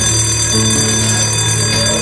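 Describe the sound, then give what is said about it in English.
A school lunch bell rings continuously with a steady, buzzing metallic tone, loud and sustained for the whole moment without any talking, as a teacher finishes a classroom game. “The teacher completes the self-esteem game as the lunch bell sounds.”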